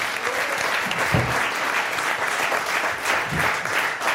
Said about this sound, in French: On peut déjà applaudir toute l'équipe du Bicubic et l'équipe qui nous a fait à manger, parce que c'est très bon depuis le début de la semaine.